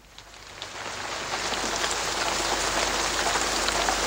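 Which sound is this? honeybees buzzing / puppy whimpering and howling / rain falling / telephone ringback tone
rain falling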